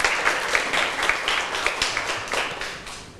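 A group of students claps together in a steady burst of applause, many hands overlapping into a dense, bright patter that holds fairly even for a few seconds before easing off slightly.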